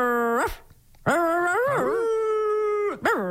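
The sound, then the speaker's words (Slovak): A person imitates a dog, producing a short whimper followed by a long, wavering howl and another brief whine at the end, loud with no other sounds. “Poďme teraz skúsiť reč psíkov.”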